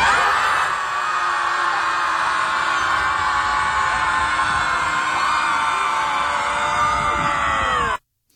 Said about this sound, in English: in Chicago, they organise it, and it started because a couple were there arguing in the park, and then they screamed at the water, and they thought that helped them. So then they said, well, maybe it can help other people. Final scream! And 3, 2, 1!